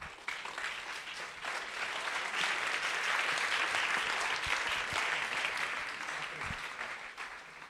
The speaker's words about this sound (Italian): Ed ecco, sugli applausi che state sentendo in sottofondo, noi concludiamo questa diretta e ci risentiamo presto, sempre sulle frequenze e sullo streaming di Radio Gwendolyn.